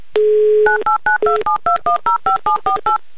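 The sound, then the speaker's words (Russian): A steady dial tone breaks into a quick run of about eleven touch-tone beeps as the phone number of a listener in Syzran is keyed in, each tone short, clear and evenly spaced, with no voices. “прямо сейчас я буду звонить вам, набирая ваш номер телефона.”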